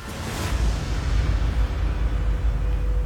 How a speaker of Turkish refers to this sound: Kırılma noktasına kadar gerdiler. Yayın çatlama sesini duyduğumda sicim henüz ucuna kadar gelmemişti.